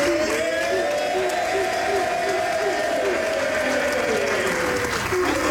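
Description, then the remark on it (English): Team Canada staff clap steadily and loudly, reuniting with injured midfielder Ishmael Kone after surgery on his broken leg. They chant his name together in a sustained, rising and falling unison over the applause. “And staff from Team Canada clapping and chanting his name as they were reunited with their teammate.”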